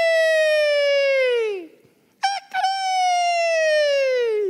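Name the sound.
rooster crowing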